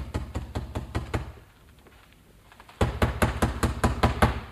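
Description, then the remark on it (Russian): Two bursts of firm, rapid knocking by a cook on the wooden door of an outbuilding, the first about six raps, then a short silent pause, then a louder, quicker series of about eight knocks, clear. “протолкнули вперед к дверям флигеля Рогозиных, и она постучала”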